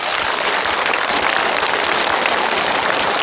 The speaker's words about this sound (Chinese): 这就是一个有尊严的父亲，我们为他鼓掌。